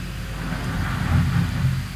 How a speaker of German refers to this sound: Boah, draußen kommt wieder die Müllabfuhr, hört ihr das? Das ist schon ganz interessant, wenn man das dann so reinzieht.